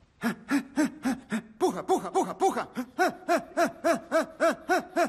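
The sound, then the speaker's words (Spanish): A person pants in quick, rhythmic voiced breaths, imitating a small dog in a 'small dog' breathing exercise, about three huffs per second in a steady run, loud, with a brief shout at the start. “¿Se acuerdan del ejercicio de perro grande, perro chico? Así, perro chico.”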